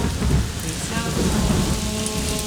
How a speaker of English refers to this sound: I do love a bit of rain. I'm funny like that,